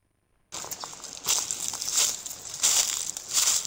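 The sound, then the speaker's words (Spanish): Dry autumn leaves in May crunching underfoot in a steady rhythm of crackling steps, fairly loud, starting abruptly after a brief silence with no voices. “Crujen las hojas secas del otoño de mayo”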